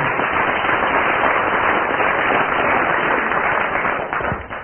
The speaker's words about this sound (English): On general aggregate of applause there, Barry Cryer is slightly ahead.